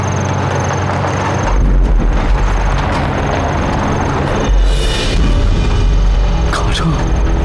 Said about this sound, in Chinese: 好像是日本人的卡车， 不会这么倒霉吧？